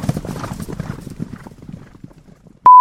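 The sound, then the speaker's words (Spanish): Horse hooves clip-clop in a quick, steady rhythm that gradually fades as if moving away, then a loud electronic beep cuts in abruptly at the end. “Siete leguas el caballo.”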